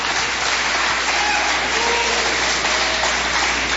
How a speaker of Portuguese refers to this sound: E as palmas bem fortes para Jesus.